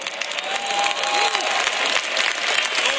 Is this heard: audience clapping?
yes